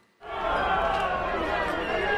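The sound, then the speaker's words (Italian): A large crowd in Galați, Romania, on the Danube, erupts in loud, sustained whistling and booing at the Romanian president, Nicuș Ciordan, visiting an apartment building hit by a drone, after a brief moment of quiet, a dense, steady wall of jeering voices that continues without pause. “A Galați, sul Danubio, a pochi chilometri dall'Ucraina in guerra, la folla fischia il presidente rumeno Nicuș Ciordan, in visita al condominio colpito da un drone.”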